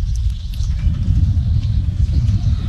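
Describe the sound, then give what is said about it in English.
A train passing by during a baseball game gives off a steady, heavy low rumble that holds at an even level throughout, with faint hiss above it and no voices. “Train making its way by.”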